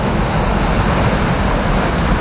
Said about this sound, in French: vous entendez la plage, la mer, les vagues, on va où ? Madagascar.